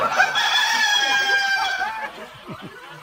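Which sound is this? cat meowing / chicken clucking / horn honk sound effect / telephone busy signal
chicken clucking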